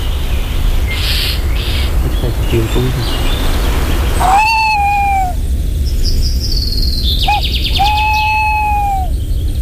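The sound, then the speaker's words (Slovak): A thrush gives its alarm call in two sharp bursts, each a quick rattle ending in a drawn-out strained note, fairly loud over a steady low outdoor rumble. “Lebo ten drozd tam varuje.”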